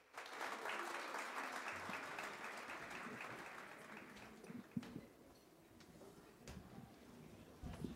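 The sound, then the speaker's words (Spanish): An audience bursts into dense, sustained applause welcoming the Saya Tambor Mayor, who present the Semba, a fertility dance; loud at first, then thinning and fading over several seconds, with a few sharper isolated claps and knocks near the end. “Espero que les guste y recibámoslos con un caluroso aplauso.”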